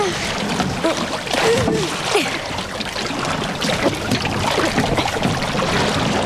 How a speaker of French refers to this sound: De l'autre côté maintenant pour donner de la vitesse au bateau. Ouais, c'est bien.